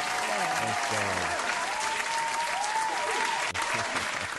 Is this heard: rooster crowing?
no